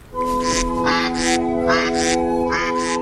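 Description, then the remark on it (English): Ducks quack in a rapid, overlapping series of about six loud, nasal calls, with a steady low hum running underneath and no voices. “Ducks love bread.”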